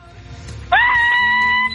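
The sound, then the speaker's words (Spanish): A loud, sustained shout rings out suddenly and holds steady for about a second: a radio contest caller from Fontana yelling at full volume over a phone line after the host asks for a loud shout. “Pero no se ha ganado nada, no sé por qué gritó, compadre.”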